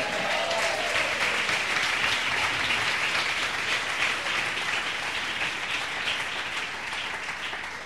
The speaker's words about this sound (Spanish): Denle un aplauso, Señor.